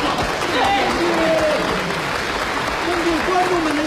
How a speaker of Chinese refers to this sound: 观众朋友们，大家说他们这几种发明好不好？ 好， 都喊得好。